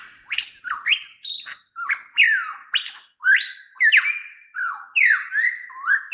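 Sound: superb lyrebird song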